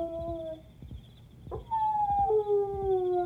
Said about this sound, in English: What was that? A dog howling. And it isn't Alexander.